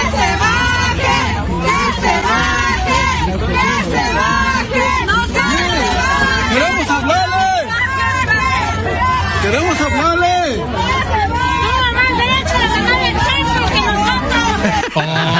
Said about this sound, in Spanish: Aquí escuchen cómo la gente le reclama.